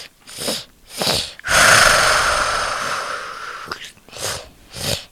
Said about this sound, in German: Das klingt wie ein gefährlicher Drache, dem der Zahn tropft. Ist das richtig? Nein, das ist der Enderdrache.